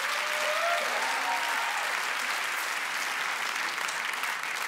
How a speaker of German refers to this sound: Riesenapplaus für Maya Stinnen. Mega, ein Applaus.